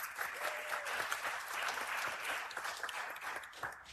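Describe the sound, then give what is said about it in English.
A room full of people applauds steadily for the first EJP student admitted into the University of Illinois, a dense wash of clapping hands that holds at an even, moderate loudness throughout without any talking over it. “Snaps up, claps up.”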